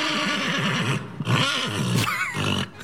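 A horse at a riding school in Den Hoorn neighs loudly, a long wavering whinny that breaks into several shaky bursts and snorts before trailing off. No one speaks.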